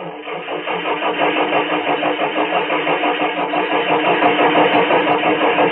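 A car engine cranks over and over in a steady, rapid rhythm without catching, a loud, continuous grinding that never settles into a running idle. No voices are heard.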